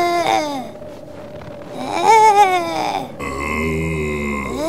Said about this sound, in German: Ein Eisbär-Baby.